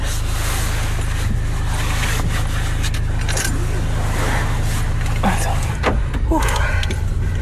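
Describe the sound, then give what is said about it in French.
A seatbelt is pulled across and latched with a metallic clink near the end, over the steady low rumble of an idling car interior. “Alors, la ceinture.”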